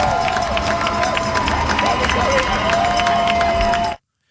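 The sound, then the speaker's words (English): A large crowd in San Diego cheers and shouts continuously in a dense, steady roar of voices as the USS Lincoln docks after a 10-month deployment, with scattered higher calls and whistles rising above the mix until it cuts off abruptly. “Cheers in San Diego as the USS Lincoln docks after 10 months of deployment without a port of call.”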